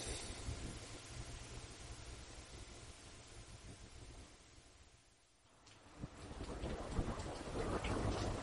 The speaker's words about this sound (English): It's a cold and rainy day.